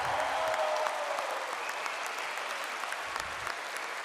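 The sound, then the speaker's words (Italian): A crowd applauds steadily, a dense, even wash of many hands clapping at a constant, fairly loud level throughout, with no voices standing out. “Applausi.”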